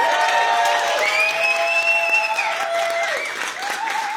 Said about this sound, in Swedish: En varm applåd för honom.